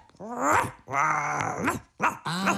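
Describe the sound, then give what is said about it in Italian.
A dog, Biscotto, growls and barks in three loud bursts with wavering, rising and falling tones over about two and a half seconds; no one speaks. “È Biscotto, il tuo cane, vero Moccio?”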